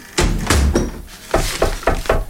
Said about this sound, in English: Oh, you nearly knocked me over then. You shut the door right in me face.